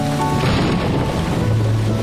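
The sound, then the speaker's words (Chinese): A summer thunderstorm with lightning in a forest: heavy rain roars steadily and loudly, a dense, continuous wash of noise with a deep rumbling undertone and no voices. “但是打雷闪电时爬树有些危险，母熊叫它们下来。”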